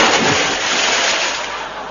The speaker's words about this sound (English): He's falling in the water.